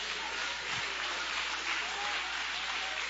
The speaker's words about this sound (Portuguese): Levanta a tua mão aí e aplauda ele, que ele merece.